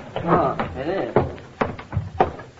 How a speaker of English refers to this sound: What's that? What? Sounds like the front door banging in the wind.